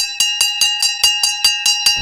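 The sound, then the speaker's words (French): A loud electric bell rings continuously, its clapper striking in a rapid, steady rhythm of about five hits per second over a sustained metallic tone, with no voices. “C'est une cloche qui sonne parce que c'est la fin de la récréation, peut-être que c'est la rentrée.”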